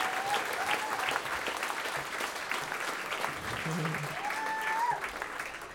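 Sustained applause from a live audience, a dense steady patter of many hands clapping throughout, with a few whistles and cheers rising above it.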